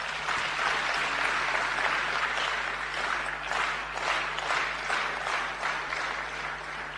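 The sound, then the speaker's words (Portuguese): Sustained applause from a large crowd at an Africa Day commemoration, a dense steady patter of many hands clapping at once, filling the whole stretch at an even level with no voices standing out. “Uma parte aqui presente, quero pedir uma grande salva de palmas.”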